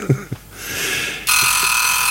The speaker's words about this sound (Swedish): Nu ringer den där klockan. Ja, men du satte bara den på 15 minuter.